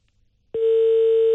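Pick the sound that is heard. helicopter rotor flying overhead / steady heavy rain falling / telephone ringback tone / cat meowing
telephone ringback tone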